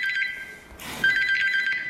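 A telephone rings with a steady electronic trill, two bursts separated by a brief gap with a soft thud, fairly loud, with no one speaking.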